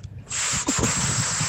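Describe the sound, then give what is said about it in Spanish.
Someone who cannot whistle blows air hard through pursed lips in a breathy, whistle-like hiss, imitating how a father called his children; it is steady for over a second, with one brief catch, without a clear tone. “Ni sabía silbar, nada más hacía como que respiraba aire por la boca y hacía su trompilla y...”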